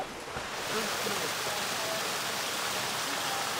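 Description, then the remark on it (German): A steady, dense rush of liquid manure pours and gurgles without pause, surging through a clogged drain as thick manure is made to flow with thinner manure, with faint murmuring voices barely noticeable beneath it. “Sondern man muss dann die zu dicke Gülle mit der zu dünnen Gülle zum Fließen bringen.”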